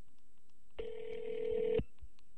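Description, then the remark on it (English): A single steady telephone ringback tone of a call to a remote payphone in Alaska sounds for about one second, a smooth buzzing hum at moderate volume over a quiet background, with no talking. “It's ringing. It's ringing.”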